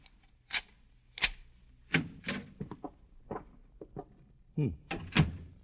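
A hotel room door is unlocked and opened: a quick run of sharp clicks and metallic rattles, irregular in rhythm, ending with a heavier thunk as it swings open.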